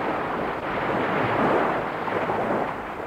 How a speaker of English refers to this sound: There's a boat putting out. That'll be the contact.